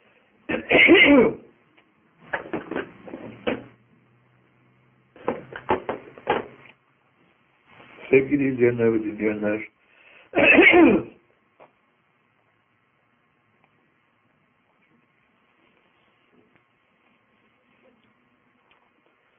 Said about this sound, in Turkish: bu bizim sık sık öksürmemiz, sizde hasta olduğumuz yavrını uyandırmasın. Biz herhalde bir 25-30 yıldan beri bu tarzda bir öksürüğün içindeyiz.